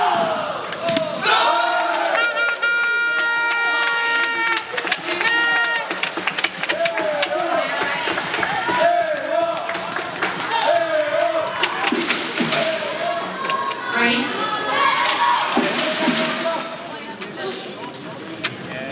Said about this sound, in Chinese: 现场的中国观众这个时候很兴奋，